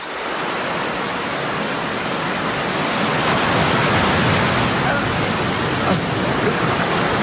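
A steady, loud roar of waves breaking and foaming against sharp rocks about 10 metres below, a continuous wash of surf with little letup and no voices.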